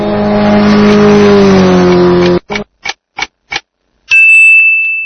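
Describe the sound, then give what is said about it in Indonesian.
A motorcycle engine revs loudly, its pitch sliding, then cuts into four short, evenly spaced throttle blips before a steady high tone takes over. “Ya, kamu benar. Jawalatun, sepeda motor.”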